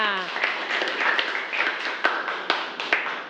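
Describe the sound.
A room full of people clapping together in a steady, dense patter of applause, fairly close, with a few sharper claps standing out and faint voices underneath.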